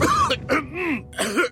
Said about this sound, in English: Laban sa dry non-stop ubo, kati sa lalamunan due to post-nasal drip at sakit sa kakaubo.